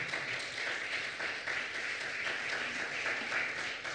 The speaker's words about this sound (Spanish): Un aplauso poderoso a Jesús, por favor.